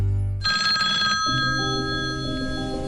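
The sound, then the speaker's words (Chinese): A telephone rings with bright, steady electronic tones starting after a brief pause, the bell-like pattern shifting in pitch midway and continuing loud with no one speaking. “接到冒充平台客服电话，说可以给你退款理赔，千万别轻信，不要按照对方指引操作转账，提供银行卡信息。”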